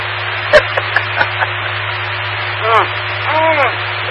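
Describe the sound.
A sharp metallic smack on a chrome-plated steel microphone stand tube, followed by a few lighter taps, over a steady low hum; a brief voice-like sound follows.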